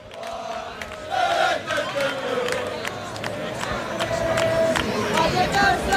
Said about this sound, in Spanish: Bueno, pues mezclamos sonido de cánticos ingleses con sonido del Rayo Vallecano, que cada vez son más aquí en esta puerta esperando la llegada de la expedición, del equipo, del cuerpo técnico comandado por Íñigo Pérez.